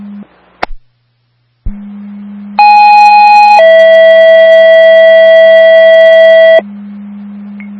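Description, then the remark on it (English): Loud two-tone Herkimer County emergency dispatch paging alert for Forest Port, second tones, for an EMS call, over a steady radio hum: a short click, then a higher sustained tone for about a second followed by a lower tone held for about three seconds, no voices. “2 Forest Port, 2nd Tones, EMS call”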